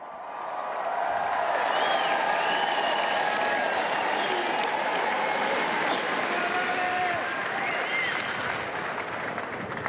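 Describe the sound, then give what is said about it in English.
A large crowd on centre court at a tennis Grand Slam applauds a player who has just defeated the defending champion, with dense, continuous clapping, punctuated by scattered whistles and cheers rising above it, holding loud and even for the full ten seconds. “Listen to the reception for this crowd.”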